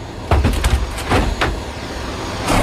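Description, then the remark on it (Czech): A Przewalski's mare named Zeta 2 kicks restlessly inside a wooden transport crate as Prague Zoo staff load it onto a Czech army aircraft: a cluster of heavy, irregular wooden thumps and bangs, loud, over a steady low rumble of background noise. “Jak je možná slyšet, naložit je o poznání složitější, kope okolo sebe a je neklidná.”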